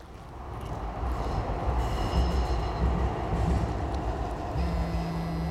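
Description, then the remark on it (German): A train rumbles steadily past a platform at a railway stop, loud, with a heavy low roar and faint high metallic squeals from the wheels throughout. “An der Bahnhaltestelle entdecke ich ihn. Er geht auf das Gleis gegenüber, sucht Augenkontakt mit mir.”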